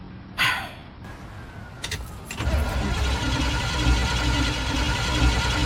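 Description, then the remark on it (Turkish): A sharp click, then a car's starter motor cranks in a few quick, rhythmic pulses before the engine catches and settles into a steady, rumbling idle. “Bu marş motorun.”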